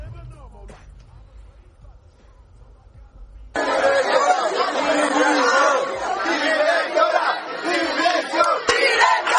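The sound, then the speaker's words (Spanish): A crowd of students shouts loud, rhythmic protest chants at the doors of their school and of the principal's office, demanding the principal's resignation and that they be allowed to go to the bathroom. The chants break in suddenly after a quiet, low-humming start and stay loud and dense to the end. “Entonces, bueno, ella dice que tiene una razón para hacer esto, y los estudiantes se han congregado en las puertas del centro y en las puertas del despacho gritando esto.”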